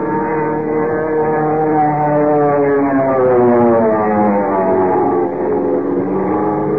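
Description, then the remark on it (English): An airplane with sweeping searchlights goes into a power dive toward people on a field: a loud, steady engine roar with a rich buzzing drone, its pitch swelling and then sliding downward midway, wind screaming through the struts. No voices are heard. “Without warning, it went into a power dive, hurtling down on Kent, Jimmy, and the commissioner like some giant bullet, motor roaring, wind screaming through the struts.”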